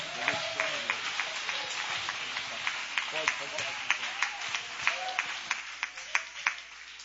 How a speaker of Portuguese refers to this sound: Mais forte as suas palmas, é para Jesus. Dá glória ao nome do Senhor, dá glória ao nome do Senhor. Vai aplaudindo e vai dando glória ao nome de Jesus.